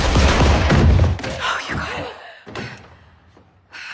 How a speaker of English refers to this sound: You're gonna have to shoot him through the wall. Where? To the right of the door. Shoot him now! Do it now!